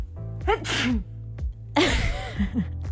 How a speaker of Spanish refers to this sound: Uy, me dieron ganas de estornudar.